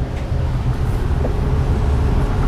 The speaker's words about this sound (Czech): sedím ve vlaku směr Mariánské Lázně, kam jedu úplně poprvé v životě.